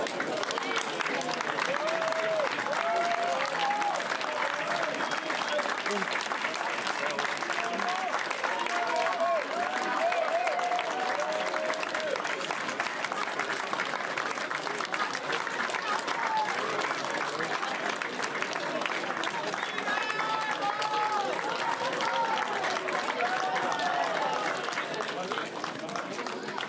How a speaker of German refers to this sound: Geduldig warteten die Fans auf ihre Stars. Als die Mannschaft den Platz betrat, wurde sie mit reichlich Beifall empfangen.